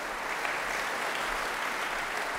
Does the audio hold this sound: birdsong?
no